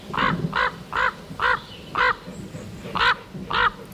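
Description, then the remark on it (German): A common raven croaks repeatedly, about eight harsh, hoarse calls in a steady rhythm with short pauses between them, loud, with no one talking. “Wie zum Beispiel der Kolkrabe.”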